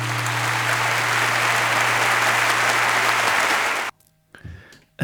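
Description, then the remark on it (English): A dense burst of steady applause that stops dead with no fade, leaving near silence, followed by a brief low rumble and murmur. “Cue abrupt applause.”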